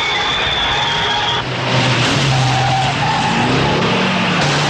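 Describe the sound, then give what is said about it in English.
Loud, continuous roar of stock car engines racing around a track, with tires skidding and squealing as drivers steer hard through a chase during the race, rising and falling tones layered over a dense wash of motor noise. “Other drivers steer hard to navigate the chase amid the race.”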